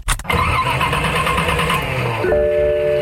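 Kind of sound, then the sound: vehicle, old car engine starting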